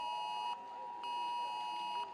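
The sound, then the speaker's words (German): A loud, harsh smartphone emergency warning alert tone sounds in repeated bursts in Lower Saxony, Germany, pulsing on and off with short gaps between, piercing. “Ich saß gerade im Kunstunterricht und es hat bei uns allen geklingelt und es war sehr, sehr laut auf jeden Fall.”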